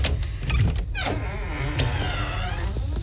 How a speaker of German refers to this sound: Ich mach mir vorsichtig die Tür auf.